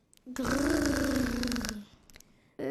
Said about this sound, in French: Les enfants sont éblouis tandis qu'un nouveau grognement les accueille.